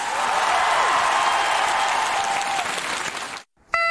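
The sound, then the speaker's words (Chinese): A large crowd of more than 20,000 people applauds loudly and steadily for several seconds after Huang Lei's suona performance on an outdoor stage on a rainy night, before the clapping cuts off abruptly, followed by a brief high tonal note. “最后那一下是神来之笔啊， 掌声送给黄磊。”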